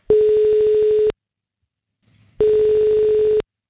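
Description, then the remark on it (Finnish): A telephone ringback tone sounds twice while placing a call to a contest winner, each steady electronic burr lasting about a second with a long pause between, loud, with no talking. “Ja nyt on aika soittaa seuraavalle kisavoittajalle, joka pyyhkijät menopeliinsä saa.”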